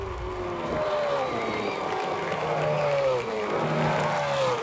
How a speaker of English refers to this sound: The Bathurst 1000 is so close. I can almost feel it. The breeze hitting against your face on the top of Mount Panorama. The crowds cheering, cars whizzing past your face. I mean, you can almost hear it, right?